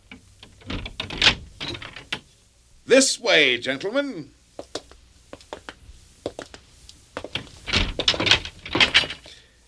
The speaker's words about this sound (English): unlock the door to my treasure house.